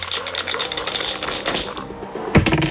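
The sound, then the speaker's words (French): Dice are rolled in a game to move along numbered squares, rattling and clattering continuously in a busy stream of small hard clicks, ending with a louder knock as they land. “Est-ce que vous avez envie de lancer les dés tout de suite pour savoir quel défi vous est réservé?”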